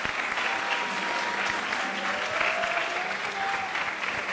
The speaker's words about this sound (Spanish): Entonces, les pedimos, por favor, a las que tuvieron la respuesta incorrecta, que se levanten y les demos todos un fuerte, fuerte aplauso.